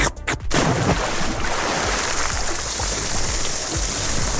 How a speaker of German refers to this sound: Also Eis schlecken, ins Wasser springen und grillen.